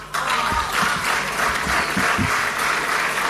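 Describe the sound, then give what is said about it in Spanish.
An audience applauds steadily after a speech, a dense wash of many hands clapping at once that holds at an even, fairly loud level throughout, with no voices standing out. “No, bueno, por lo menos lo aplaudieron sin que sí, lo pida, sí.”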